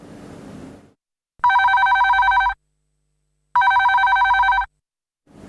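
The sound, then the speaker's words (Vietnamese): A telephone in a radio studio rings twice for an incoming listener call in long, steady electronic bursts, each about a second long with a pause between, loud, with a brief wash of noise at the start and end. “Và chúng ta sẽ cùng đến với những cuộc điện thoại đầu tiên.”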